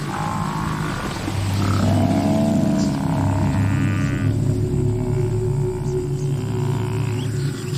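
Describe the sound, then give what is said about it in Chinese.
Lions roar and snarl as they fight, a fearless lioness defending her cubs as the lions attack: a loud, continuous stretch of deep, rumbling growls and harsh cries that overlap without pause, with no talking. “这只雌狮无所畏惧，为了幼崽，它愿意舍命一搏。狮子尝试着进攻，但双方力量过于悬殊”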